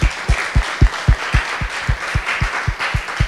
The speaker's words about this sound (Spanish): De verdad, muchas gracias, muchas felicidades por estar aquí, por regalarse, por este tiempo y por quererse. De verdad, muchas, muchas gracias. Fuerte los aplausos para ustedes.